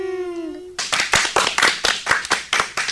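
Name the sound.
audience applause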